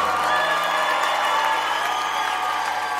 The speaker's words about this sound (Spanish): Denle más fuerte ese aplauso.